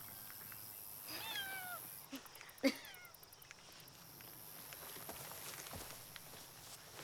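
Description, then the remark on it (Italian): A cat meows twice, a drawn-out, wavering call followed a moment later by a shorter, sharper one, with faint shuffling and light tapping sounds in an otherwise quiet space. “C'è un gatto là dentro.”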